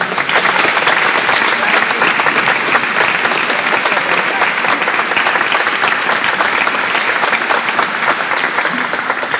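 An audience gives loud, steady applause to welcome a professor to the stage for her talk, dense clapping filling the whole stretch with an even, unbroken roar of hands and no voices on top.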